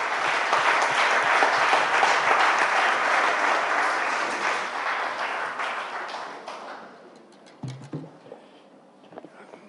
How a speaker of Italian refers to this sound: Prima di questi panel facciamo un bel applauso al direttore di Civiltà Socialista per essere qui con noi, l'onorevole Fabrizio Cicchitto.